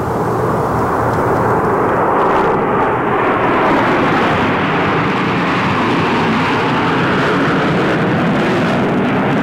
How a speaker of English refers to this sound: You know, I captured this. They're in nine plane formation, flying right over my head a few years ago.